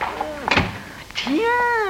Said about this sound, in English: shut the door quick.